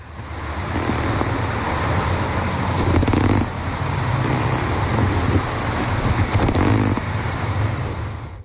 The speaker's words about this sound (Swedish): i grunden en musikfestival i Bärvaldshallen där Karin Gyllenklev och undervattensljudexperten Mattias Andersson beskrev den konsert som utspelar sig under ytan där tumlare, sälare och även fiskar bidrar med ljud. Här kommer ett litet smakprov.